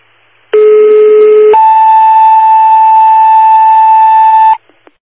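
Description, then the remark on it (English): A loud two-tone emergency dispatch alert: a low steady tone for about a second, then a higher, buzzy tone held for three seconds before cutting off, followed by a couple of faint clicks. The dispatch is for a sick person on Route 233, an 84-year-old female unable to ambulate. “West one second tones, sick person.”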